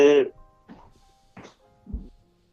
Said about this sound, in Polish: to płoną magazyny amunicji wysadzone przez Rosjan na terenie Polski. To jest wiadomość z ostatniej chwili, słychać było wyraźnie. Płoną, słychać te wybuchy, no 15 jednostek straży pożarnej w tym momencie